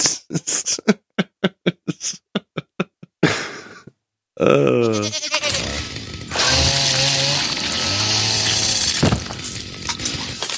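A string of quick, sharp clicking bursts, a short pause, then a loud, wavering goat bleat that stretches into harsh, sustained bleating to the end, with no talking.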